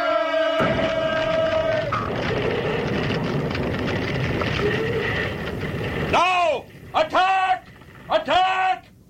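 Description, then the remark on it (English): A huge crowd of people roars together in a sustained, dense war cry for several seconds at the walls of Jericho, after priests blow trumpets the seventh time, then breaks into a few separate loud shouts, each swooping up and falling in pitch. “And when the people shouted with a great shout, the walls of Jericho fell down flat.”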